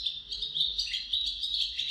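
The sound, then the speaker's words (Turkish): Continuous high-pitched bird calls, a dense stream of shrill chirps and trills that flicker without pause, moderately loud, with no voices present. “Bu programda kullandığımız kuş seslerinden Küçük Ağaç Kakanı, Kerem Ali Boyra İstanbul'da.”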